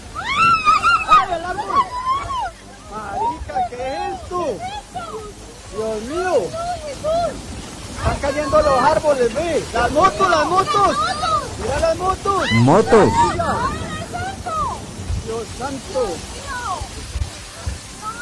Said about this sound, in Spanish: Impresionante este vendaval en el norte de Cali y Yumbo ayer. La verdad es que de todos los videos que yo había visto, este fue el más impresionante.